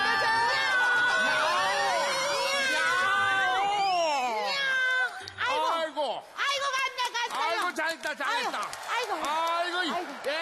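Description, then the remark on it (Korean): A crowd of voices, mostly children, asked to make cat sounds all together, imitates cats with loud overlapping meows, first in a dense chorus, then in shorter bursts of rising and falling high-pitched mews. “또야? 고양이잖아!”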